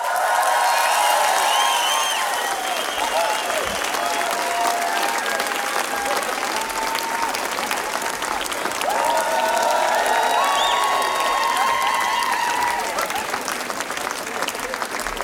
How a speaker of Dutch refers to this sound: Geef ze een groot applaus voor jullie vanavond. Direct!